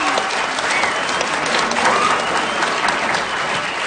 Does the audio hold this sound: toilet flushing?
no